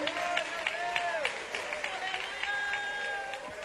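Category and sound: crowd, audience applauding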